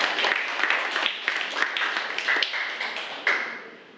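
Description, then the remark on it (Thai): A class claps for a classmate in a dense burst of applause, many overlapping hand claps forming a steady patter that gradually tapers off near the end. “ขอเสียงปรบมือให้กับเพื่อนหน่อยนะครับ”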